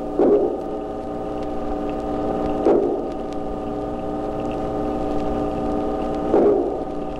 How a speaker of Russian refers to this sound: Рыба-корова не намного больше карандаша, а слышите, как ухает, будто сваи забивает.